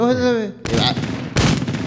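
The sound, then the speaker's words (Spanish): Two loud blasts from a Mossberg shotgun about three-quarters of a second apart, each with a rough, echoing tail, following a brief voice at the start. “Esa es escopeta. Eso es una Mosberg.”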